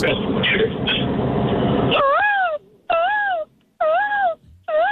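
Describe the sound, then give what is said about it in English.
After a burst of noisy crowd sound, a caller on the phone imitates a peacock in a best-peacock contest with four loud, wavering, high-pitched wailing calls, each about half a second long and separated by short pauses. “All right, let's hear your best peacock.”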